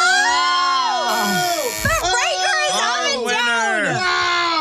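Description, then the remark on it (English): A booing sound effect on the Bobby Bones Show: a crowd of voices boos loudly and continuously for a few seconds, overlapping long drawn-out 'boo' calls that swoop up and down in pitch. “You've been booed.”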